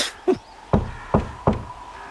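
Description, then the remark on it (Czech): Four firm knocks on a door, evenly paced, each a short hollow thud with a brief ring, over a quiet background with no one speaking. “Koukej, už jsme tady. Zaklepej.”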